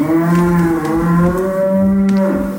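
A cow in the countryside lets out a long, loud, sustained moo lasting the whole stretch, a low droning bellow with a steady pitch that rises slightly near the end. No one speaks.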